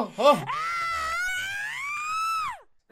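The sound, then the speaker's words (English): A single long, high-pitched scream from a woman attacking a man in the jungle, held for about two seconds with a wavering pitch that rises and then drops away, preceded by a short yelp. No struggling or thrashing noises are audible. “Suddenly, like a cheetah on the hunt, a naked woman sprung from the jungle and attacked him, screaming and thrashing.”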